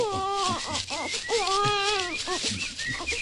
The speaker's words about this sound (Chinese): 呢度左紧冇人噶，点解有苏虾仔嘅喊声？唔通我听错？ 系喎，我都听到喎，